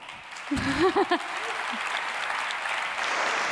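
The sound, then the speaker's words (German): Steady applause from an audience for the team colleagues who performed on stage, a dense wash of clapping that continues throughout, with a brief voice or shout rising over it near the start. “Einen großen Applaus an euch schon mal.”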